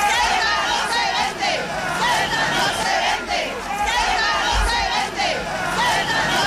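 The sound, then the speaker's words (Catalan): A large crowd of thousands of demonstrators at an evening demonstration in the city of Ceuta, called by the Christian, Muslim, Jewish and Hindu communities, shouts together 'Ceuta no es ven', a dense, loud roar of many voices rising and falling in waves for several seconds without pause. “Va ser un dels crits de la manifestació que ahir al vespre va reunir milers de persones a la ciutat convocats per les comunitats cristiana, musulmana, hebrea i hindú.”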